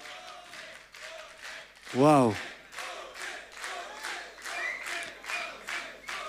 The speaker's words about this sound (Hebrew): איפה כפיים?